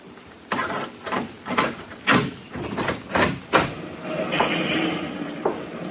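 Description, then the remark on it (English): A door is pushed open with a run of sharp rattling knocks and scrapes, followed by a steady shuffling rustle as someone comes through. “Shut the door.”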